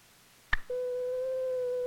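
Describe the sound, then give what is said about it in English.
A short click, then a steady, pure sine-wave test tone, shown on an oscilloscope, switches on at a constant mid pitch and holds evenly until the end. No voices, just the unwavering hum. “This pure tone gives us the classic sine wave.”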